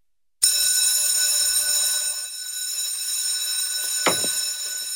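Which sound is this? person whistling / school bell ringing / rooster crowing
school bell ringing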